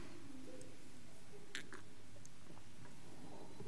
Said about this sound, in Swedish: Jag tar en klunk vatten medan du tänker på det.